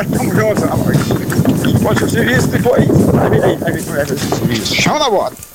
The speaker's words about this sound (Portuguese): Deu pra entender, ele tá na carroça ali balançando o vento e tudo mais, mas deu pra entender